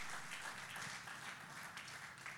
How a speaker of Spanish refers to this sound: Démosle un fuerte aplauso al Señor, porque Dios es extraordinario.